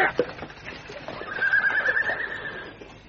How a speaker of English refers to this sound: Block the road. Stop the horse. Stop it. Oh, go on.